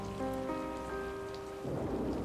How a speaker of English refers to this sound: Speaking of water, we have a good bit of it floating around us and coming down. If you listen closely, you'll hear the sound of a thunderstorm behind the pianist,